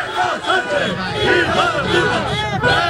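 A busy crowd of fans in La Línea chanting and shouting together, with abuse hurled at Pedro Sanchez; a dense, loud, unbroken wash of many overlapping voices with rising and falling pitches and no single speaker standing out.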